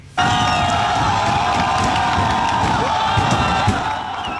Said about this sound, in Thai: วันนี้มีชาวอินเดียหลายพันคนนะครับรวมตัวกันเดินขบวนประท้วงไปยังอาคารรัฐสภาเรียกร้องให้มีการปฏิรูประบบการศึกษาครับแล้วก็มีการเผชิญหน้ากันเกิดขึ้นครับ